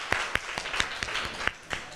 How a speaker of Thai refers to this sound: อันนี้นะคะขอเสียงปรบมือให้ตัวแทนจากกลุ่มที่5นะคะ